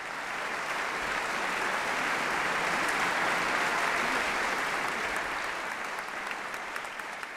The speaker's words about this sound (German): Applaus bekommt Gabriela Montero nicht nur für ihren Auftritt mit Mozarts Klavierkonzert.